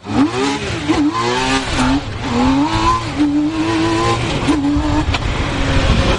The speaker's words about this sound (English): That's no ordinary vehicle you're hearing. It's a T-Rex, a three-wheeled car. It can hit 145 miles an hour, accelerate from 0 to 60 in under 4 seconds, and get up to 35 miles per gallon.